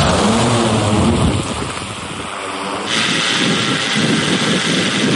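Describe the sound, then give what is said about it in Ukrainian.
A loud, steady motor whir of a heavy multirotor 'Heavy Shot' drone climbing higher into the sky and maneuvering as its pilot practices different scenarios, with a buzzing low hum and broad rushing noise, shifting in pitch and texture. “Хевішот все вище підіймається у небо, маневрує, пілот відпрацьовує різні сценарії.”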